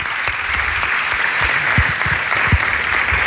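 Steady applause from a radio studio audience at night, a dense wash of many hands clapping, sustained evenly throughout without any voices rising above it.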